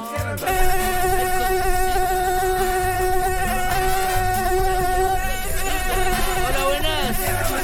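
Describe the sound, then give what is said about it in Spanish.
A steady, high-pitched whine of an Aedes aegypti mosquito, the species that carries Zika, buzzing, holding a continuous drone for several seconds with slight wavering in pitch near the end, fairly loud and without speech. “El Aedes aegypti. Ese que transporta el Zika.”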